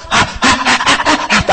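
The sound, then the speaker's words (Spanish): A voice imitates a hungry baby's eager panting as it is about to be breastfed or given milk: five or six quick, breathy huffs in a steady rhythm, fairly loud, with no speech. “Hasta algunos, si es cierto, algunos hasta la respiración, y empieza a mover la cabecita.”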